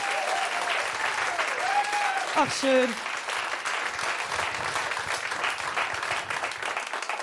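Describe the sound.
Steady audience applause fills the whole stretch, dense and fairly loud, with a brief spoken remark near the start riding over the clapping.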